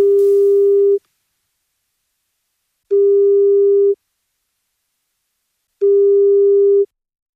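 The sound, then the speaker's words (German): A telephone ringback tone on an outgoing call to a mobile phone somewhere in Munich or the surrounding region: three steady, one-second beeps separated by roughly two-second silences, clear, with no voices. “Und jetzt klingelt irgendwo in München und der Region ein Handy.”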